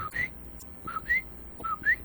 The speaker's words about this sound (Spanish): El sonido, el sonido del coquí. El coquí de noche, que tan bonito que se escucha, ¿verdad? Que hace...